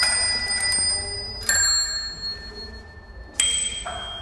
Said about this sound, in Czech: Tak to je zvonkohlas z našich kol na naší nové výstavě. Je to výstava, kterou vlastně uspořádáváme kvůli závodu etap Tour de France, které se tady pojede 20. června.